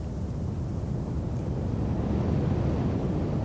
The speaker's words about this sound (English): Sounds like a train in the distance.